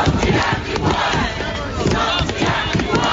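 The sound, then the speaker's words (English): A large protest crowd of hundreds of Wellingtonians on the steps of Parliament in Wellington, demanding a response to new water bills, chants and shouts together, a dense, steady roar of many voices with rhythmic surges, loud throughout the few seconds with no single voice standing out. “Hundreds of Wellingtonians have taken to the steps of Parliament to demand a response to new water bills.”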